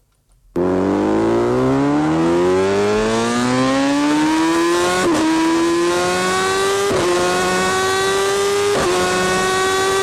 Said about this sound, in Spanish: Comenzamos con sonido de moto en la Cadena Ser y continuamos con música motera.